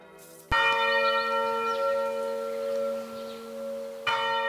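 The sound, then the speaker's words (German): A large church bell in the tower of Heiligkreuz church in Bruchweiler-Bärenbach strikes loudly, its deep ringing tone sustaining and slowly decaying, then a second strike lands near the end. No voices are heard. “Und so eine Glocken-OP, die schauen wir uns jetzt mal an.”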